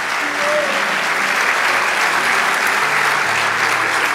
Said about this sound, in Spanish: Vamos, dale ese aplauso.